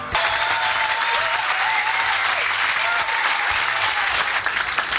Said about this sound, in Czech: Já vám děkuji za váš potlesk.